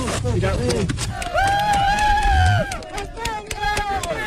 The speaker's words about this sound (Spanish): España, gritaban las fuerzas especiales de Colombia, El Salvador, México y, por supuesto, la UME, lo han vuelto a hacer, poner un poco de esperanza en estos momentos tan difíciles.